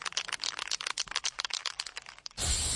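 A spray can rattles with a rapid, uneven clatter of sharp clicks for a couple of seconds, then gives way to a steady, loud hiss of spraying, as graffiti is sprayed on electrical cable distribution boxes in Falkensee.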